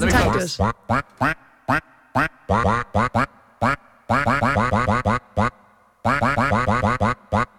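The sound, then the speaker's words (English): Loud duck quacks pitched up and down to play a song melody, arranged in quick rhythmic phrases with brief pauses between runs. “the duck did struggle a bit with this one”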